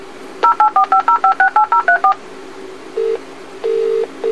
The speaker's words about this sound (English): Do not worry. Your alarm telephone is dialing for assistance.